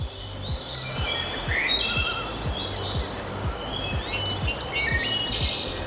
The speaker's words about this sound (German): Tolle Dünen, bewachsen mit Bäumen und ganz viel Grün drumherum. Lass dir Zeit, pack das Handy in die Tasche und hör mal, Vögel und sonst nichts.